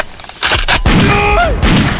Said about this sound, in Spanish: ¡Ah! De dar un par de balazos al aire.